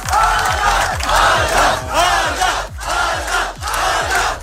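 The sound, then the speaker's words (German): A large crowd roars and chants in loud, rhythmic surges, cheering an ultrarunner arriving at the finish line in Los Angeles after running more than 600 kilometres through the California desert, with a steady pulsing beat running underneath the dense wall of voices throughout. “Aber gefeiert wurde er trotzdem, als er im Ziel ankam.”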